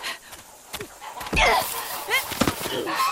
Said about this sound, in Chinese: 坏大鹅，你叫你叫你叫，就你撒手，叫那些小鹅仔住嘴。